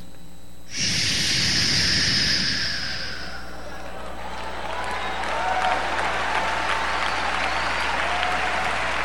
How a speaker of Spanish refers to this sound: Ahora, ya va a aplaudir, escuche bien.